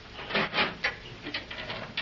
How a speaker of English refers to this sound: Now, where's the elevator? I will move this lever. The door will open.